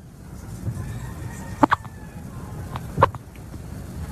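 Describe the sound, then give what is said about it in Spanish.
A hen gives a few short, sharp clucks, a quick pair and then a single one a moment later, over a steady low rumble of background noise, during a live Colombian radio broadcast. “mire, la gallina R. Déjela hablar.”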